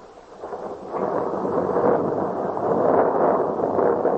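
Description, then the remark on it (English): A long, rolling rumble of thunder in a night storm over the narrow streets of the old part of Paris, with lightning, swells after a quieter start and keeps growling steadily, with a broad hiss of rain and storm noise underneath and no voices. “The lightning gleamed and the thunder rattled loudly through the narrow streets.”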